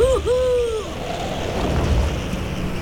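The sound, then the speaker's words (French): A single snowy owl call, a wavering mid-pitched hoot that dips and then holds for nearly a second, over a steady roar of stormy, gusting wind that continues after the call fades. “C'est cette appétence alimentaire qui a donné son nom au harfang des neiges.”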